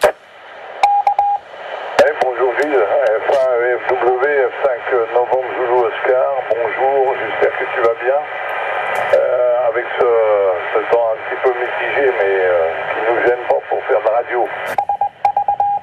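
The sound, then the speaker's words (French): An amateur radio transceiver receives a transmission: a narrow, tinny voice talks steadily over a constant hiss, with short electronic beep tones near the start and again at the end. “C'est quoi ça ? C'est du Morse ? Voilà, c'est donc le rémetteur.”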